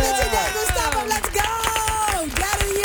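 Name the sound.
applause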